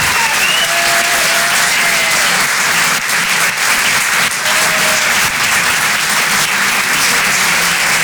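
A crowd at the Rire et Chanson Comedy Club applauds loudly and steadily, dense clapping filling the whole stretch without a break, with a few faint whistles rising above it now and then.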